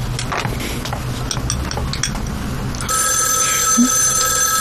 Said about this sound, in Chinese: 电话。